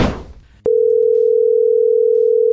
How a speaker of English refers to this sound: And I love it when the phone rang.